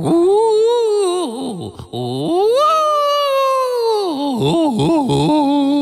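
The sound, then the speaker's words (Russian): A voice howls in a house to scare off ghosts, loudly in long, wavering wails, its pitch sliding up and down, then holding a high sustained note before dipping and warbling again, like an eerie ghostly moan. “Привидениям здесь не стоит ходить. Испугаю их, буду выть.”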